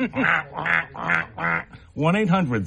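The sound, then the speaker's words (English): On WAMC radio during its fund drive, a person makes a bird call imitating a duck with four loud, nasal quacks in a quick, even rhythm, followed by a longer, wavering quack-like vocal sound. “we'll make bird calls.”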